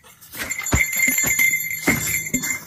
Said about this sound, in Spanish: Y esa campana entonces es antiosos. Sí, exacto, para que ellos sientan el ruido antes y se levanten.